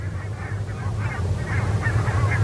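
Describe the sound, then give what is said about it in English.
A flock of geese on fields honks steadily, overlapping calls rising and falling over a low, constant rumble of wind or engine noise, with no one speaking. “Sometimes it's completely black and gray with all the geese on the fields.”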